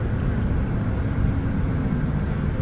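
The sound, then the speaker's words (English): A steady, low engine drone from a VIP bus fills the whole stretch, a constant rumble with no breaks or changes in pitch and no voices. “Especially this bus, VIP.”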